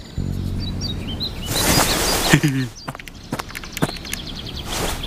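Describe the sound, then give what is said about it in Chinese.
A voice imitates bird chirping with quick, high tweets in short bursts, fairly loud, mixed with scuffing movement and brief vocal sounds. “不会是什么稀有的鸟吧？”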